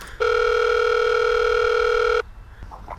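A bell at the gate of a chef's home rings as one loud, steady electronic buzz, a constant two-tone hum held for about two seconds before cutting off abruptly into quiet background noise.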